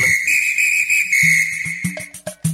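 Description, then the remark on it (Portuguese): A referee's whistle at a football match between Morro Grande and Turvo gives one long, shrill, steady blast lasting about two seconds, loud, followed by a few short low thumps in a rhythmic pattern. “Fique de olho no apito.”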